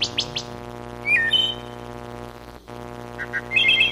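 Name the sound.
bird song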